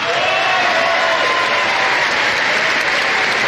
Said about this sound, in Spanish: Sin embargo, la presencia del expresidente Álvaro Uribe alejó ciertas dudas sobre posibles enfrentamientos, aún más con los aplausos que se dejaron caer cuando mencionaron su nombre en el recinto.